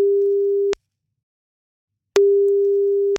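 A steady single-pitched telephone ringback tone sounds twice, each lasting under a second with a pause of about a second and a half between them, clear and close with no talking.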